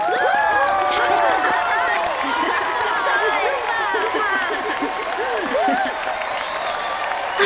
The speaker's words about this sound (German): Und jetzt bitte ich um einen großen Applaus für unseren Musiklehrer